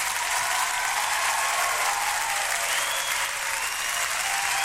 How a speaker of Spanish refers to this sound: Un aplauso para estas amistades.